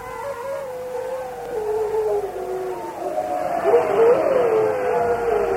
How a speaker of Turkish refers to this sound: Yoksa sen de mi duydun kurt seslerini? Ben deminden beri duyuyorum.